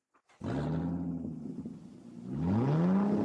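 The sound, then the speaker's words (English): A rental car from Eden's Travels Car Rentals starts abruptly and idles with a loud, steady roar, then revs up sharply near the end, its pitch climbing. There is no talking. “You like the sound of that, don't you?”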